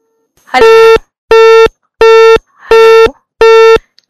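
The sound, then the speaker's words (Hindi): Five loud, evenly spaced telephone beeps, each a steady electronic tone lasting about a third of a second, with brief silences between: the signal of a phone call to a studio that was cut off for a technical reason. “लगता है कुछ तकनीकी कारण करके साडी कॉल कट गई है”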